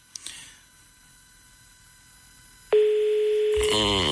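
A telephone ringing tone on an outgoing call: one loud, steady electronic tone lasting about a second after faint background hum, then cut off by a brief noisy burst.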